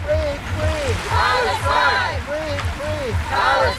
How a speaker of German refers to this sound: Etwa 20 Leute mit Palästina-Flaggen, einige mit Badehauben oder Badeanzügen in den Farben Palästinas, machen sich auf den Weg, ins Wasser zu gehen. Als sie hüfttief im Meer stehen, rufen sie einen Slogan, der dieser Tage oft in Irland zu hören ist.